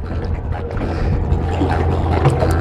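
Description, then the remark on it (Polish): Someone wearing a backpack clambers from a pale clay shore into a small boat named Plena with a Mercury engine at the back, with scuffs and light knocks against the hull over a steady low rumble, lapping water and a bit of wind buffeting the mic. “Mam plecak, więc muszę trochę się postarać, żeby wsiąść na tą łódkę.”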